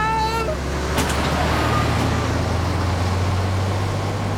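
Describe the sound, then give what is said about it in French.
A truck rumbles loudly on a road, its deep engine drone steady throughout, with a brief high whining tone at the very start and a broad road roar. “Attention, un camion.”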